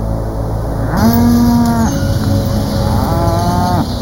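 A cow moos twice, two long, loud, drawn-out calls, the first from about one to two seconds and the second around three to four seconds, over a steady low background rumble.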